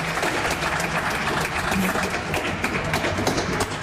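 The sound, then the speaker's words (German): An audience applauds steadily after a concert, a dense wash of many hands clapping at once, fairly loud and sustained throughout with no talking over it. “Herzlichen Dank, ein dicker Applaus.”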